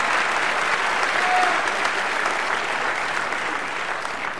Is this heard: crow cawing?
no